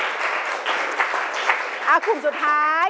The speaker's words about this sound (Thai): โอเคปรบมือหน่อยค่ะปรบมือ2กลุ่มนี้ก่อน